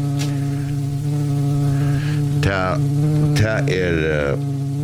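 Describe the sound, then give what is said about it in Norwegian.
A wasp buzzes steadily for the whole stretch in summer, a continuous droning hum, while a voice briefly cuts in over it toward the end. “Hør her. Sommar er kommet, vespen er.”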